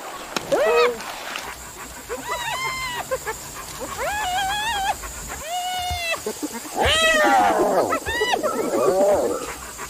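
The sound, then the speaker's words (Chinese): African wild dogs give a run of high, whiny, chirping calls, several rising-and-falling squeals in quick succession, close and fairly loud over a low background rumble. “这是猎狗”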